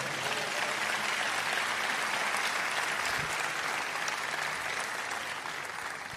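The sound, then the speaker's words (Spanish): A crowd applauds God steadily for about six seconds, a dense, even patter of many hands clapping at once that stays loud throughout and eases slightly at the end. “¿Cuánto dan un aplauso a Dios?”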